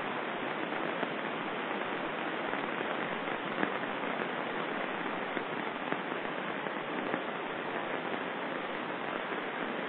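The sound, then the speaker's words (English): Steady rain falls without pause, a dense, even hiss with faint scattered patter running through it. There is no talking, just the continuous wash of rainfall at moderate volume. “I am enjoying the sound of the rain now.”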